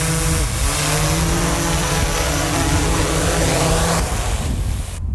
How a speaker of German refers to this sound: Und so tönt die Drohne, wenn sie landet.